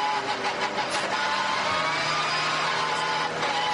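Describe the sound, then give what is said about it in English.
The engine of RPM Racing's car 921, driven by Patrick Hausmann, coughs and splutters as it runs short of fuel, its loud, buzzy drone running steadily with brief uneven dips and wavering pitch, no voices over it. “That sounds like fuel anyway. Sounds like it's coughing and spluttering.”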